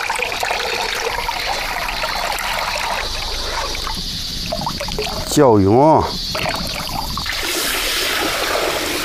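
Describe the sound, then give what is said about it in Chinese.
Continuous wet sloshing and squelching as soaked buckwheat dough is rubbed by hand in water to make guagua, a buckwheat breakfast food of Tianshui, China, with a brief wavering, voice-like tone rising over it midway. “瞧，真是泡好了，正好开始搓啊！”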